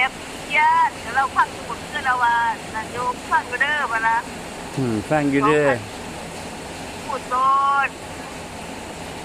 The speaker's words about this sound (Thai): เสียงนี่คือเสียงฝน แค่นี้ล่ะจ ้ า ได้ยินอยู่เพิ่นได้ยินอยู่จังว่าสิมีเสียงฝนแทรกเข้าไปเนาะ